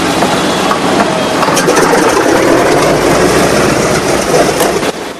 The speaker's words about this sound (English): The B-17's propellers begin to spin into action, sending out a trail of grey smoke.